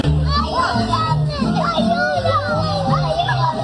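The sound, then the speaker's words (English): Two young children scream and cry out for help in Spanish while their mother is arrested and escorted out by police at Disneyland, their high, wavering voices loud, overlapping in frantic bursts above a low steady hum. “This is the sounds of two young children screaming for help in Spanish while their mom is arrested and being escorted out of by cops at Disneyland.”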